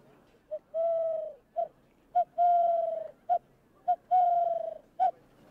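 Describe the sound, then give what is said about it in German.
A hand-whistled imitation of a Eurasian collared dove call: three repeating phrases of a short hoot, a long sustained low tone, and another short hoot, hollow and fairly loud with no talking. “Das klang so ähnlich wie eine Lerche, aber es gibt zum Beispiel auch die Technik, mit den Händen zu pfeifen.”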